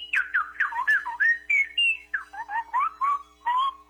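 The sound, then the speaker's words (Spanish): A woman whistles a quick, chirpy imitation of goldfinch birdsong, a rapid run of warbling, twittering notes with short gaps, fairly loud, with no talking over it. “¡Hombre, un jilguerillo le hace los mandados, eh!”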